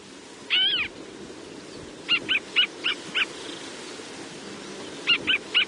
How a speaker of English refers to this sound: The Swamp Harrier.